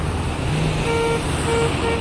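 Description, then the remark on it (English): Busy road traffic rumbles steadily, with a few short car horn toots sounding over the engine noise. No one speaks. “No traffic to negotiate.”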